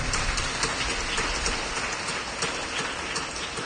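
A crowd applauds a person's outfit, many hands clapping in a dense, steady wash of sound with scattered sharper claps, holding an even loudness throughout with no voices over it.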